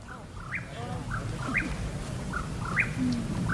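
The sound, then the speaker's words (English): A Mexican whippoorwill calls out its short, rising phrase three times in steady rhythm over a low, rumbling outdoor background, at dusk in the San Bernardino National Forest. “The teens are on the hunt for the Mexican whippoorwill. It's an elusive bird that comes out at dusk and dawn.”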